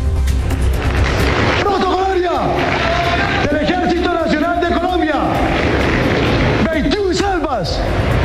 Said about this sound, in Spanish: Una vez finalizado el juramento, el Ejército Nacional le rindió honores al nuevo mandatario con una salva de 21 cañonazos.